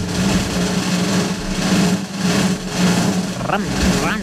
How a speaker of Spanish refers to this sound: Fuera una moto.